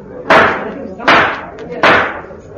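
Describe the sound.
Three loud, sharp wooden knocks of a gavel on a table at a conference meeting, evenly spaced about a second apart, each ringing briefly before fading, with a faint murmur of voices underneath.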